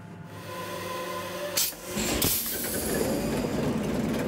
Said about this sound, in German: Das Herz ist der Maschinenraum, noch mit dem originalen 540 PS Motor. Der ist gerade von Grund auf überholt worden. Der Maschinist zeigt ein Video, wie der Achtzylinder arbeitet.